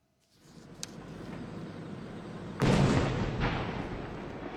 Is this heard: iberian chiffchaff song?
no